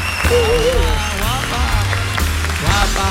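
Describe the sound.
An audience applauds steadily for about three seconds, a dense, even clatter of clapping hands, with music and a cheering voice running underneath.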